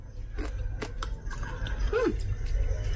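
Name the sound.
chewing crunchy food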